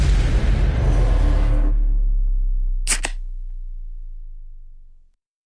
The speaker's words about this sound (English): Alrighty, can you hear it? Beer or soft drink based on the sound of the can opening.